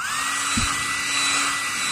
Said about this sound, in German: Der Föhn zum Haare trocknen. Das stimmt, ich habe heute Morgen gedacht, nee, ich kann es nicht, ich habe den Eimer kurz angeschmissen, so ein bisschen angeföhnt und dachte, es ist zu heiß und bin dann eigentlich mit nassen Haaren zur Arbeit.